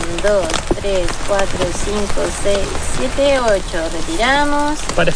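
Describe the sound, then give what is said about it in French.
Heavy rain pours down in a steady, dense hiss that fills the whole scene, while people talk over the constant downpour as they take samples of river water. “Sous une pluie battante, ils effectuent des prélèvements de l'eau de la rivière.”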